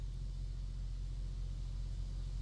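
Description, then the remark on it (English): Steady street traffic noise: a continuous low rumble of passing vehicles with a broad hiss over it, moderately loud and unbroken throughout, with no voices. “There's more to the clip, but I honestly don't know that you'd be able to, because there's so much traffic noise and everything.”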